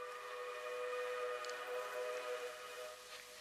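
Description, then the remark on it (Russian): A train whistle sounds one long, steady blast, a rich chord of tones held unbroken for about three seconds with a faint hiss above it. No one speaks. “Ну что ж, вот и гудок.”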